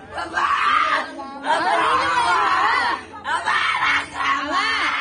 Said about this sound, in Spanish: Le embarró medio litro de salsa de chile de árbol en la cara. Los gritos del jovencito de 15 años de edad se escuchaban en todo el barrio y alrededores.